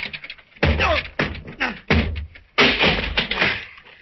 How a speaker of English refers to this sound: Come on. Oh, the door's locked. Oh. Stand back, Fern. Yeah. I'll have to break it down.